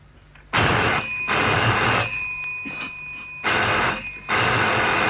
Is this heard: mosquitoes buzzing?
no